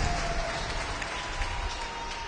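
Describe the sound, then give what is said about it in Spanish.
An audience claps hands together for Christ Jesus in a dense, steady wash of applause, loud and continuous with no clear individual beats, with a faint sustained tone running underneath. “Fuerte palmas, by Cristo Jesús.”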